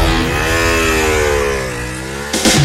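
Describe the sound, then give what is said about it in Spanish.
A loud motorcycle engine revs with a steady drone whose pitch sags and then climbs again, cut off near the end by a brief noisy burst. No one speaks. “Credit Hogar, tu casa, tu estilo y ahora tu moto.”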